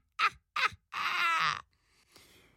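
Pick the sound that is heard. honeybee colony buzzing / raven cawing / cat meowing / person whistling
raven cawing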